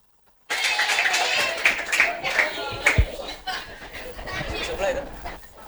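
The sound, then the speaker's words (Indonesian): An audience claps steadily for several seconds, a dense patter of many hands, mixed with excited chatter and a few chuckles from the crowd. “Oke, tepuk tangan.”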